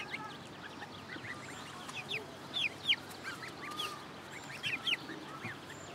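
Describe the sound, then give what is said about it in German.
Loud flock noise of geese honking and cackling, with sharp overlapping calls rising above a dense, busy chorus of other poultry clucking throughout. “Meine Gänse sind ja sowieso manchmal so ein bisschen ruppig.”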